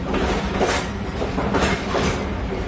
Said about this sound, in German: Es ist Nacht. Ein Zug rattert in der Dunkelheit von Rom Richtung Norden. Angehängt ist auch der Präsidentenwaggon von Benito Mussolini, dem faschistischen Diktator Italiens.